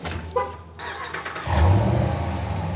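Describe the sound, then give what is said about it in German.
A car engine, started by remote start, cranks and catches, then settles into a steady low idle that grows louder and rumbles on. Nobody speaks, and the engine sound fills the whole short stretch. “Ja, Sie können den Wagen von weiter weg starten.”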